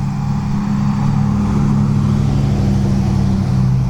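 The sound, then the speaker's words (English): A big truck rumbles past on the street, its deep, steady engine drone loud throughout, with a broad road noise wash and no voices. “As a big truck drives by.”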